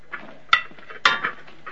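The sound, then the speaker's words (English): Plates clatter as they are gathered up ready for serving, with two sharp clinks standing out amid lighter knocks and rattles of crockery, moderately loud. “Hallie collects more plates ready for serving.”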